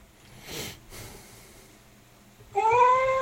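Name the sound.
cat meowing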